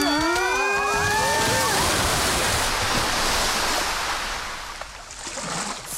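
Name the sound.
rushing water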